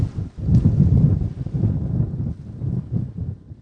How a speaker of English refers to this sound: Oh, man. Big wind.